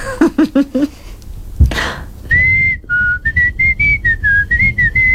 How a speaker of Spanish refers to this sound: ¿Cuándo silbas? No sé, cuando me sale. Es que me sale casi siempre. ¿Y te salen diferentes sonidos? Sí. ¿Nos haces una demostración?